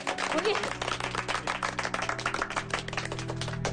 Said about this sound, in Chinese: 大家没有意见那就鼓掌通过。